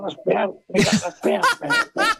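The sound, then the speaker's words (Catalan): A person clears their throat and coughs in a quick run of five rough, raspy bursts, fairly loud, each separated by a brief pause. “Me hacen carraspear.”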